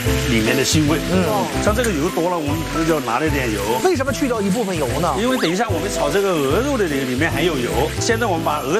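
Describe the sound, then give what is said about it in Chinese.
Ginger slices fry in hot oil in a wok, added after goose is fried golden, giving a steady sizzling hiss that runs beneath continuous talking for the whole stretch. “好，炸成这个体型之后，我们就要加这个姜片， 用这个热油炸这个姜啊，能把那个姜香味给炸出来， 去掉它。”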